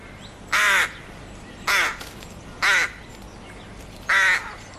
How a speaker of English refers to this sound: I'm going to say that's a crow. Crow versus duck. Does duck count? Type of bird? Well, is yes. It, I'm like, it sounds kind of crowy to me. Mm. It's actually a rook. A rook? A oh, rook. Of course.